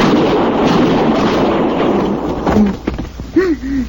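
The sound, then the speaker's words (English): Revolver gunshot sound effects, using a .45 and a .38 or .32 revolver, crack out, a few sharp separate bangs after a long stretch of rough, roaring noise, with a brief voice-like cry near the end. “we had Matt's gun, and we always used a 45 for Matt, and for the other heavies there would be a 38 or a 32.”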